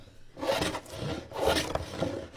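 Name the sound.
sanding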